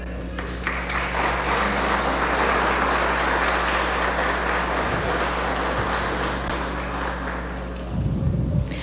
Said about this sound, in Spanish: Bien, pues con un fuerte aplauso le damos la bienvenida en este nuevo proyecto